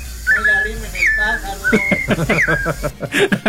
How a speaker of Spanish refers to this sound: ¡Ándele, que es para hoy, hombre! Ya está escuchando el trinar de los pajaritos, hombre.